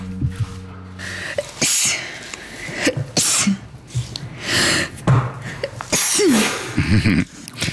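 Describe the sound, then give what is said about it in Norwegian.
Muffled sneezes held back behind closed lips, coming as several short breathy bursts spaced a second or two apart, with quiet breathing and small gasps between them. “Jeg kvelte nettopp et nys for å ikke vekke min bedre halvdel som hadde tatt seg en cowboystrekk.”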